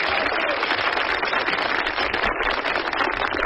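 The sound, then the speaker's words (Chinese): Steady, dense applause from a large audience, a continuous wash of clapping that holds an even loudness throughout without building or fading. “你说观众不给你鼓掌吧，手已经伸出来了；给你鼓掌吧，心里不情愿。嗯，鼓两下吧。”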